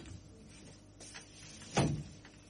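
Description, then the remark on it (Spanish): A door at a radio station is shut with a single solid thump, preceded by faint rustling and shuffling sounds in otherwise quiet surroundings. “Le voy a cerrar la puerta.”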